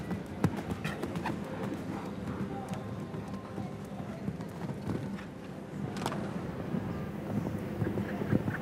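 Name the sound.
horse galloping hoofbeats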